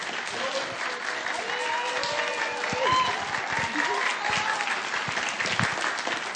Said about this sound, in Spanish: Hola, bueno, nada más como dato, quiero pedirle un aplauso